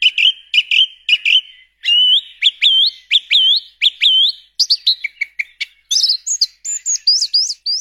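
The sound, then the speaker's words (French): A song thrush sings loudly, delivering bright, varied whistled phrases, each motif repeated two or three times before switching to a new one, with no voices. “Merci beaucoup Gilles pour cette découverte de la grive musicienne et de son univers.”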